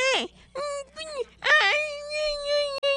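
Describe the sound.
A voice imitates a little boy crying, with high, drawn-out wails that rise and fall in pitch across several bursts, loud, with no other speech.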